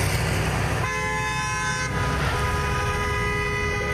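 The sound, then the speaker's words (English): Loud truck horns blare in long sustained blasts, one after another and overlapping, over a constant heavy rumble of engines and highway traffic, from a protest convoy of independent rig welders' trucks on the highway between Fort Saskatchewan, Sherwood Park and Leduc. “Hundred independent rig welders took to their trucks to the highway, calling for higher wages and better working conditions.”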